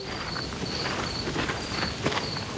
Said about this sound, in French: La nuit vient de tomber. Je marche sur un petit chemin de campagne. Tout est calme, mais le vent d'automne est tout de même un peu frais. J'entends une petite bestiole qui farfouille dans les feuilles mortes au pied de la haie.